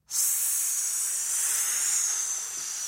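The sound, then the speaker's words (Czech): A long, loud hiss from a giant snake coiled around a young man from his feet to his neck rises abruptly and holds steady for nearly three seconds, a bright, airy high-pitched rush with no voices, easing slightly at the end. “Otevřel oči a poznal, že ho od nohou až po krk ovinul obrovský had.”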